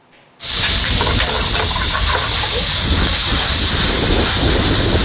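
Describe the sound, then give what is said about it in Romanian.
Vegetables (shiitake, carrot, zucchini, wood ear mushrooms) hit hot sesame oil with ginger and garlic in a pan at a food festival in Cluj, Romania, with a sudden loud sizzle. A steady crackling hiss of stir-frying follows without pause. “Se trag la tigaie în ulei de susan cu ghimbir usturoi.”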